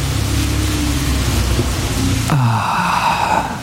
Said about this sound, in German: Regen. Endlich wieder Regen. Das riecht auch immer so gut.